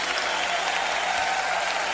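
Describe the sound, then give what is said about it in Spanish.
Steady, dense applause from an audience at a Spanish-language worship service, applauding God: many hands clapping continuously at an even, fairly loud level with no voices standing out. “Aplaudimos tu grandeza y tu hermosura.”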